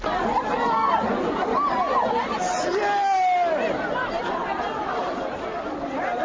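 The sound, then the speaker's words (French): A crowd of students at schools in Bangui chatters and calls out excitedly as 2026 exam results are posted, overlapping voices rising into loud, high-pitched cries of joy over a steady babble throughout. “Des cris de joie et de tristesse ont retenti dans plusieurs établissements scolaires de la capitale.”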